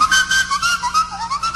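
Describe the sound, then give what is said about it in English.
A person whistles a sustained, wavering melody with sliding pitches, fairly loud, along with a breathy airy hiss, demonstrating the way Africans whistle. There is no talking. “Well, I am an African, and the way they whistle is like this.”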